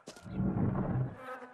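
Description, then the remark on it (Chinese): A dense, droning buzz of many flies and mosquitoes in a dungeon hums steadily and fairly loud for about a second before thinning out, with a brief hiss near the start. “什么味儿啊，这这么多苍蝇蚊子。”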